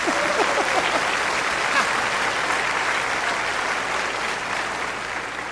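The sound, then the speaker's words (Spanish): A crowd at a Christian gathering applauds the attendees from Mexico City, at a preacher's request, clapping steadily for several seconds, a dense, even wash of many hands at a strong level that tapers slightly toward the end, with a few faint voices mixed in. “A ver, denles un aplauso a esa chilanguiza.”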